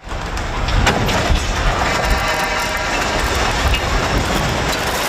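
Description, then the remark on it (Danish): A 50-metre-long scaffolding in Copenhagen collapses onto a street around 5:30 in the evening, tearing several power lines down onto the roadway, in a loud, sustained metallic roar with rattling clatter and scattered sharp clanks running through the whole five seconds. No voices are heard. “Det var et 50 meter langt stillads, der omkring klokken 5:30 i aftes væltede og rev flere elledninger ned på kørebanen.”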